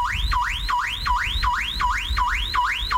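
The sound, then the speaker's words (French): A loud electronic alarm at a sound level of 100 decibels whoops repeatedly, each tone sweeping rapidly upward in a fast, steady cycle of about three per second, continuous, with a low rumble underneath and no voices. “Comme vous pouvez le constater, une alarme sonore peut devenir rapidement pénible.”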